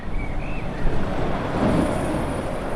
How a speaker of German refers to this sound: Ein Industriegebiet im Osten der Stadt Hamm in Westfalen, im Stadtbezirk Üntrop. Es ist früher Abend und es ist wenig los. Nur gelegentlich rauscht noch ein LKW die Straße entlang.